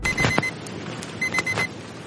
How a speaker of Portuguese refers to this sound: Sonó despertador, viste ese repaso examen.